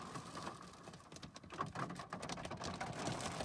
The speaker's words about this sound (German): Etwa gegen 18.30 Uhr schiebt sich die Unwetterfront vom Norden durch NRW. Betroffen vor allem das Münsterland. Regenfälle und starke Sturmböen sorgen für Überschwemmung, vollgelaufene Keller und umgekippte Bäume. An vielen Orten hagelt es auch.